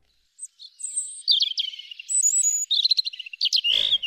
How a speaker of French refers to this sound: Bien sûr, vous reconnaissez le rouge-gorge, seul oiseau siffleur de l'automne. Très curieux, il viendra dans le potager une fois la terre retournée.